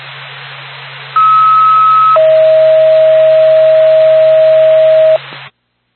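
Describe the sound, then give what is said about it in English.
A two-tone ambulance dispatch paging alert for Whitefield Ambulance over a hissy radio channel: a higher steady tone for about a second, then a lower steady tone held for three seconds, loud and clear, with no talking. “Nora Pack, Whitefield Ambulance, stand by for Tone.”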